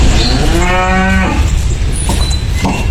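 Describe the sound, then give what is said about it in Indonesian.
A cow named Mbah Iran, owned by farmer Suparjono of Padukuhan Jati, Wonokromo, Pleret, Bantul, and chosen as the sacrificial animal of President Prabowo Subianto, lets out a single long, low moo, with steady outdoor background noise continuing after the call fades. “Sapi milik Suparjono, warga Pleret, Bantul, terpilih untuk menjadi hewan kurban Presiden Prabowo Subianto tahun ini.”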